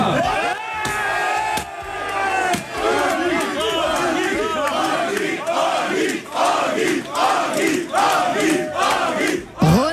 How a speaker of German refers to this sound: Fans haben Agit Kabayel am Düsseldorfer Flughafen mit ganz viel Jubel, Konfetti und Plakaten empfangen und gebührend natürlich gefeiert.